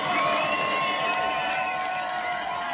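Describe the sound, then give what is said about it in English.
A crowd cheers and applauds in a steady, loud roar, with high whoops and shouts rising above a dense wash of clapping for the whole few seconds. “Make some noise for yourself, ladies and gentlemen.”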